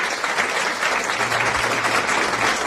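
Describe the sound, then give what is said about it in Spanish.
A steady burst of applause, dense crackly clapping from many hands that holds at an even, fairly loud level throughout, with no voices over it. “Y les voy a decir por qué merece aplausos.”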